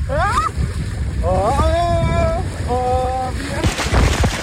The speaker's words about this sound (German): Mein Hintern tut noch ein bisschen weh, aber das war's wert. Ich durfte nämlich den großen Wasserrutschentest heute machen. So hat sich das angehört.